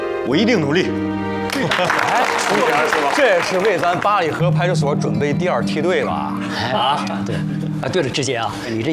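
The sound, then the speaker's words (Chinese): Staff of the Balihe police station clap steadily for several seconds for the news that a colleague will study at Party school for half a year, a dense, even patter of hands beneath overlapping voices as one man speaks over the applause. “大家鼓掌。”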